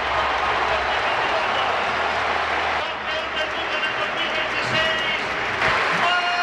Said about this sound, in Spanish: Tremendo los aplausos que se lleva el chaval. Toquecito de Coque a la espalda. Rendido el Metropolitano a su futbolista.